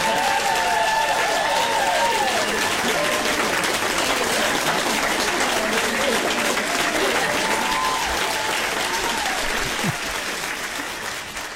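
Sustained applause from a large audience after a live music act's featured performance, at steady loudness, with scattered cheers and whoops rising above the clapping before it begins to taper near the end.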